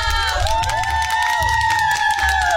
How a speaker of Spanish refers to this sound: ya llegó JD Robles. ¡Sí que sí! ¡Los aplausos!